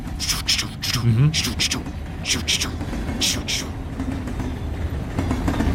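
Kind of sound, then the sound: vehicle, train running on rails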